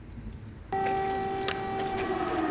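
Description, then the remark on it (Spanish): Air raid sirens blare in abruptly in Kyiv, Ukraine, while Chancellor Meats inspects damage from a Russian drone attack. They hold a loud, steady droning tone with strong harmonics over a low background rumble. “Sirenas antiaéreas se escuchaban mientras el canciller Meats inspeccionaba los daños de un ataque con drones rusos contra la Academia Nacional de Ciencias en Kiev la semana pasada.”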